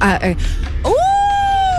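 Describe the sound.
After a brief bit of talk, a voice imitates a wolf howl, sliding upward in pitch and then holding a long, steady, loud note to the end.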